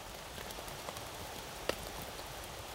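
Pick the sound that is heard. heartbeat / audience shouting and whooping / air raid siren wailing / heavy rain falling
heavy rain falling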